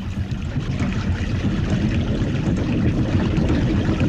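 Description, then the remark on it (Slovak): A mill grinds coarse feed grain (šrot) in a steady, loud, low rumble with a dense, gritty texture that holds even throughout, with no voices. “Á, sused, práve meliem šrot.”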